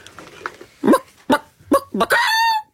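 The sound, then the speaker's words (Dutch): A person imitates a chicken, using a push from the diaphragm to make it more explosive, with a few short, abrupt clucks followed by a longer, strained crowing squawk that holds a high pitch before cutting off. “dan moet ik eerst even mijn keel in de kippenstand krijgen.”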